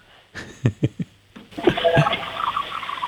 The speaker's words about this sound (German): Ja, das hat man leise gehört. Das hat nach einer Klospülung geklungen.